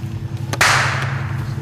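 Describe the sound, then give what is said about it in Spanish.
A single sharp gunshot from a .22 caliber rifle, fired while young people were out fishing, cracks out once, bright and abrupt, then fades quickly over a steady low background hum. “De la nada se escuchó un disparo y los jóvenes identificaron que se trataba de un rifle calibre 22.”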